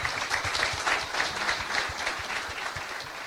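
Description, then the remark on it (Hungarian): An audience at a Free University lecture evening breaks into sustained applause to welcome Dr. János Székely, Bishop of Szombathely and president of the MKPK. It is a dense, steady patter of many hands clapping at an even loudness for a few seconds, with no voices over it. “Egy nagy tapssal köszöntsük őt.”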